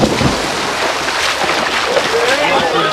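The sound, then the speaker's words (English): Two swimmers plunge off the side of a pool into the water at the starting whistle of a race, followed by steady churning splashes that fill the whole moment, with indistinct voices faintly underneath. “The two shot off the side of the pool and into the water.”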